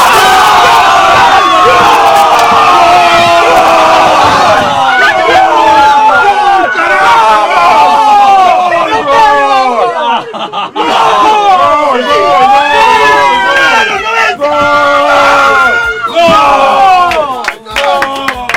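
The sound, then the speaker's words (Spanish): A group of people yells and cheers loudly and continuously, overlapping shouts and whoops rising and falling in a chaotic, boisterous crowd sound that fills the whole stretch. “Perdón por los gritos.”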